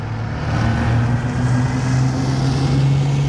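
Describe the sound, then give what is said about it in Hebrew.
A sound effect of a heavy truck braking on a road. The engine rumbles steadily with a deep droning hum and a low growl that holds fairly even as the vehicle eases along, with no voices. “אני בולם את המסעית.”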